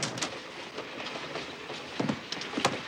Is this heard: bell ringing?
no